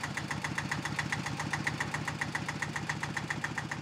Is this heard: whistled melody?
no